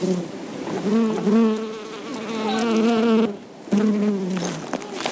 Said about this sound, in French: On a vu des abeilles, on a approché le micro d'eux, ça a fait psss et voilà. Enregistrement d'abeilles.